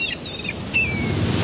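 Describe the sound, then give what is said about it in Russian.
Seagulls cry out in a few short, thin calls over the steady wash of ocean waves breaking, with a gusty, rumbling surf filling the background. “Чайки могут пить соленую воду.”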